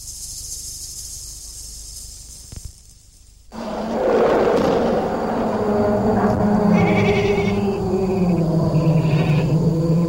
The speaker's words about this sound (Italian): È stata una buona idea portare al riparo il gregge. Gli animali erano un po' agitati, forse ci sono lupi nei dintorni.